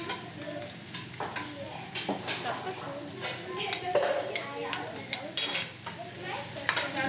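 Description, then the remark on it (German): A metal spoon scrapes and clinks against a cooking pot in short, irregular strokes as a little of the food is scooped out to taste it, over a soft steady sizzle or hiss of cooking in the background. “Man nimmt sich mit einem Löffel ein bisschen was raus, gibt auch seinen eigenen Löffel.”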